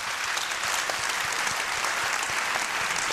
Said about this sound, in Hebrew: המוסד למודיעין ולתפקידים מיוחדים, הידוע בשמו המקוצר המוסד, מציין בימים אלה 75 שנות היווסדות, מה שנקרא 75 שנה להיווסדו, וכך צריך לפתוח במחיאות כפיים לכבודם.